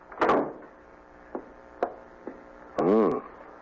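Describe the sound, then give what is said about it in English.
An office door shuts with a solid wooden thump, followed by a few light knocks spaced about half a second apart and a short creaking, wavering sound near the end. Nobody speaks. “Finished working? No, but come in and close the door.”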